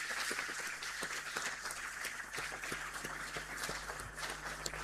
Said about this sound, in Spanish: Le damos un fuerte aplauso a estos niños y jóvenes.